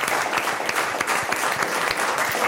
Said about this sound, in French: On applaudit à nouveau l'effort de notre invité, puisque c'est une mauvaise réponse. Mais bravo quand même d'avoir participé.